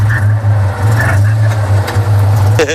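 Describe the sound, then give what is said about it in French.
A Citroën 2CV (Dodoche) is started up and its engine runs with a steady, low, throbbing putter, loud and alone, then briefly revs up right at the end. “Alors, on va mettre en route une voiture, va falloir deviner laquelle c'est.”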